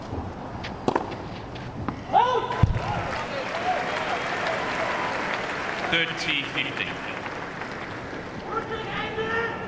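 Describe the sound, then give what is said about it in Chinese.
A large crowd of spectators roars continuously in an arena with its roof closed, with scattered shouts and cheers rising above the dense wash of noise and a reverberant, echoing quality throughout. “此外呢，顶棚关闭，就是场内现场观众的这个呼喊声，这回音感会更强。”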